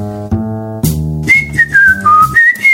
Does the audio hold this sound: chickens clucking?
no